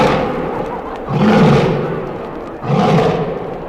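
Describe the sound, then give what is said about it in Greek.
A lion roars twice, loud: two deep, rumbling bursts a little over a second apart, each swelling and fading over a low, continuous background rumble. “Σταματά, τεντώνεται, οσφραίνεται τον αέρα, κουνάει την ουρά του πέρα δόθε και ξεσπάει σε ένα απέσιο βρυχυθμό.”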